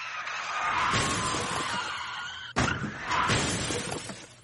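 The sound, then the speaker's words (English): A loud car crash during a police chase, wrecking a car and six police cruisers, with glass shattering, a sharp impact midway followed by more breaking and scraping debris, continuous with no voices. “You totaled a car and a 6 police cruisers, which is better than last month's incident.”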